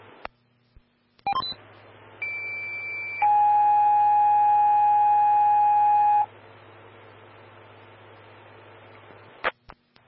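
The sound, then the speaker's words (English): Fire dispatch alert tones over a radio for Evergreen Fire Station 1, Engine 132, Medic 124 and Rescue 142, called to a motor vehicle collision on Eisenberg Lane: a short high steady tone, then a longer, louder, lower sustained tone for about three seconds, framed by radio key clicks and a low hum. “Stand by for tones.”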